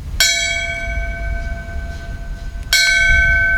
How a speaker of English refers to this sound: A bell ringing in Falmouth that signifies the end of a firefighter's duty. That ceremony was before a crowd of local officials, scouts, and firefighters dressed in uniform who had gathered at the Main Street station in Falmouth.